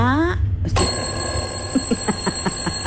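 An alarm clock, set off by a radio presenter to get listeners' attention, goes off: a quick rising electronic whine, a sharp burst, then a steady run of evenly spaced, bright ringing pulses that keep going to the end.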